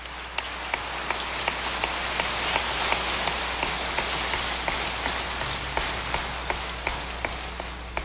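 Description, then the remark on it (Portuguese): A steady wash of clapping from a crowd at a sanctuary, a round of applause for Our Lady at the end of a prayer of consecration, holding at an even, moderate level for several seconds with a few sharper individual claps standing out and no voices. “Nossa Senhora merece uma salva de palmas”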